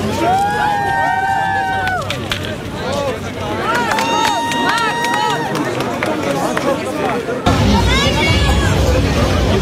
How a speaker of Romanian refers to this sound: Președintele Franței a făcut o plimbare de seară pe străzile din Erevan. Ghidi a fost premierul armean, în timp ce localnicii i-au scandat numele, l-au aplaudat și l-au felicitat pentru munca depusă în interesul Europei.